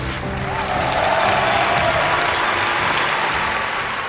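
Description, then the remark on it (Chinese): Sustained audience applause welcoming the director of the Nanjing Museum's collection and appraisal department; a dense, steady wash of many hands clapping at an even loudness for the full few seconds, with no one speaking over it. “接下来掌声有请南京博物院征集鉴定部主任”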